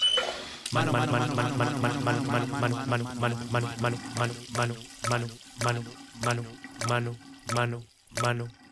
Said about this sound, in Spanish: Para lavar algo tan sencillo no necesitas dejar la llave abierta. Aprende a valorar el agua.